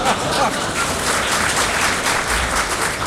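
audience laughing and applauding

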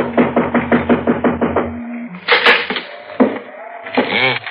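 knocking on a door

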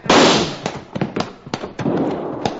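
gunshot

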